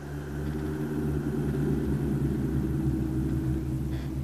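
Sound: distant thunder rumbling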